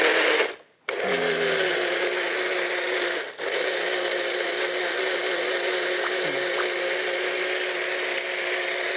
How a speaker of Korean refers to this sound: 오늘 물 대신에 살구 즙을 넣을 거예요. 아, 물 대신에? 네, 믹서에다가 이걸 예? 갈으려고 그래요. 갈아볼까요, 그럼? 네, 눌러.